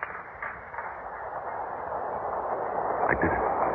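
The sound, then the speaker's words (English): A train rumbles into a station, its steady, muffled roar slowly building in loudness, with faint metallic clanks and squeals near the end. “The train's coming.”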